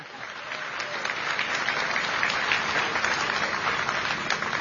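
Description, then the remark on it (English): A crowd claps steadily for visiting ship captains, including the captain of the Uruguayan ship ROU, a dense wash of applause holding at an even level for several seconds with no voices standing out. “And now you can applaud for all of them.”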